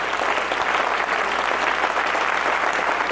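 An audience at a Spanish-language evening church service claps steadily for the Lord, a dense wash of many hands with a few sharper individual claps popping through, sustained and fairly loud for the whole stretch with no talking over it.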